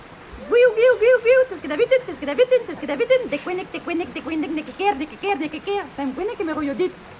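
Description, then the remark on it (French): A human voice imitates blackbird song, a quick run of warbling, fluting phrases with sliding pitch, delivered in short rhythmic bursts at moderate loudness for about seven seconds. “Le merle qui fait”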